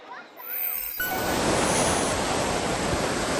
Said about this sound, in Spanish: Es la tromba de agua y granizo que sorprendió anoche a los vecinos de Jaén. Se llegaron a recoger más de 30 litros en solo 20 minutos, con calles, garajes y bajos, como ven, anegados.